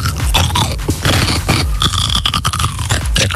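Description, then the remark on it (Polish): Crunching as someone bites into a pickled or lightly salted cucumber and keeps chewing, a dense run of wet, crisp snaps and squelches that stays loud for a few seconds with no talking. “Ogórek kiszony albo małosolny.”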